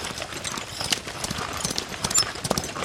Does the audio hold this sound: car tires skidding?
no